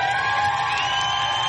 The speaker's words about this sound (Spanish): Los del WhatsApp, un aplauso para la gente del WhatsApp.